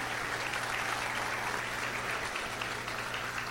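Steady applause from an audience at a traditional celebration in Universal de Concordia, a dense, continuous clatter of many hands clapping at an even level for a few seconds, with a faint low hum underneath.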